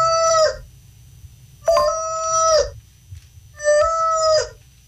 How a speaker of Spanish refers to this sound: Ese gallo. Buenos días. Ese gallo canta gacho.